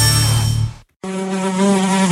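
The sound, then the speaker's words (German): A loud buzzing of a fly in a Seat car, humming steadily, cutting out for a brief moment of silence, then droning on again at a slightly different pitch. No voices. “Eine Fliege in deinem Seat ist wie ein Kratzer, Steinschlag, eine Delle oder ein Hagelschaden auf deinem Seat.”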